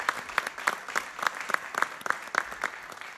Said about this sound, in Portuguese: Uma grande salva de palmas para ele.